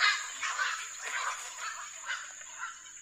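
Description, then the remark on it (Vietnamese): A colony of storks and egrets in a strictly protected bird sanctuary calls in a steady overlapping chorus of harsh, raspy squawks, rising and falling every half second or so, with no talking. “Điều níu chân du khách lại chính là màu xanh của rừng, tiếng chim cò giữa không gian tĩnh lặng”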